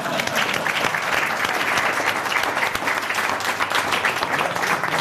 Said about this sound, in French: C'est la fin du sketch ! Applaudissez, bande de salopions !